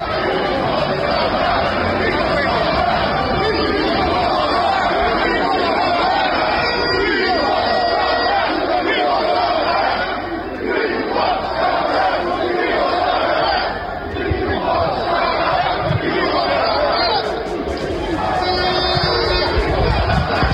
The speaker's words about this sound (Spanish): Esto es parte de lo que gritaba la gente en Londres el fin de semana.